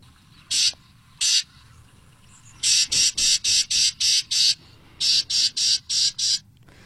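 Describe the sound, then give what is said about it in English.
A Carolina wren's agitated call: harsh, buzzy rasps, two spaced notes followed by rapid runs of about six chattering bursts each, clear over faint background noise. “That is a Carolina wren as well.”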